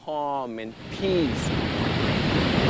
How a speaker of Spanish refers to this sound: Miras las olas que te brindan calma y paz.